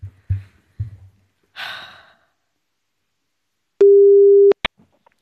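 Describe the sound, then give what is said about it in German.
A telephone ringback tone on an outgoing call, after the number is dialed, sounds once as a steady, mid-pitched beep of under a second, preceded by soft low thumps and a breathy sigh, and cut off by a sharp click. “Ich tippe es mal ein und wir klingeln”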